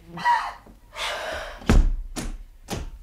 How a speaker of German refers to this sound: Aber was ist dann los? Was schmeißt dann die Tür so zu und schließt ab?